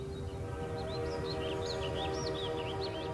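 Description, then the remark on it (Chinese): A steam train travelling from Tianjin to Beiping rolls along with a steady low rumble and a sustained tonal whistle-like drone, while faint high chirps flicker above throughout; no voices. “从天津开往北平的火车上，此时坐着一对年轻的夫妇”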